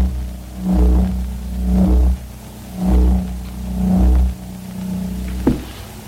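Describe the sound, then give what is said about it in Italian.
A low electrical hum swells and fades in slow, regular pulses: the electromagnetic field around a running electric motor, picked up by a simple coil connected to an amplifier, with a buzzing drone and a sharp click near the end. “Ed una semplice bobina che venga collegata ad un amplificatore raccoglierà ed evidenzierà il campo invisibile che circonda il motore.”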